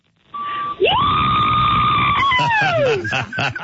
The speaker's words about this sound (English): I got paid $20 an hour and all the drink I could drink to go and scream at a new band